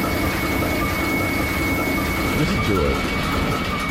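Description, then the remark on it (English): Loud, unbroken mechanical roar of heavy machinery in a ship's engine room, with a steady high-pitched whine of the turbo whistling riding on top. A voice speaks briefly over the din. “I've worked in a ship's engine room for about 10 years, and this is what the sounds like.”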